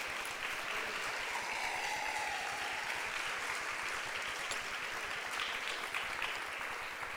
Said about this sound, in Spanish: ¿Cuántos le damos un aplauso al Señor nuestro Dios?